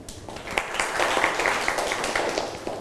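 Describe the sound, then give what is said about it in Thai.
A math class applauds a classmate who solved an equation, with a steady patter of many hands clapping at moderate loudness, lasting about three seconds without anyone talking. “โอเคนักเรียนปลายทางได้คำตอบเหมือนเพื่อนไหมครับปรบมือให้เพื่อนหน่อยนะครับ”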